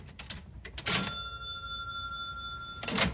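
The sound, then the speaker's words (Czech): A cash register clatters open with a sharp mechanical clunk and a ringing bell that hangs for a couple of seconds, followed by a brief papery rustle as a bundle of banknotes is pulled out. No voices. “Když se trochu uklidnil, šel k pokladně a vytáhl z ní balík bankovek.”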